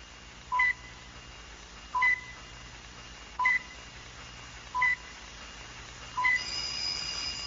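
A telephone rings in five short, evenly spaced electronic bursts, each a brief two-tone chirp, moderately quiet against a low background hum with no one speaking.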